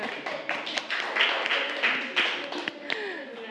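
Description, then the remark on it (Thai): A class claps together for group 3: a scattered patter of many hands with sharp individual claps standing out, continuing steadily for a few seconds with some voices murmuring underneath. “ปรบมือให้กลุ่ม3ค่ะ”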